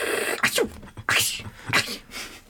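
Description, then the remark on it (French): A vulture sneezes three times in quick succession, each a sharp, hissing burst spaced about half a second apart, clear with no talking. “C'est un vautour qui éternue.”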